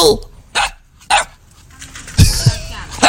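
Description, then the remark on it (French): High-pitched yaps from puppies, several short sharp barks spaced irregularly, then a denser cluster of yips near the end, loud with a faint background hiss. “Ils sont trop aigus pour être des chiens toutou mâles. C'est comme chien. Et c'était des chiots, exactement.”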